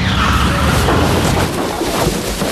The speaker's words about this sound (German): Oh, was war das denn? Ein Auto. Es ist hinter uns hergefahren. Und in den Heuwagen gekracht. Meine Güte, das ganze Heu ist auf das Auto gerutscht.